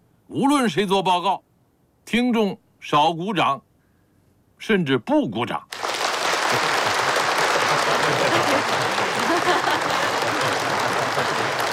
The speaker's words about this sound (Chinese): 可是今天，我听了大家的掌声，不知何故，我突然想起鲁迅先生说过的一句话。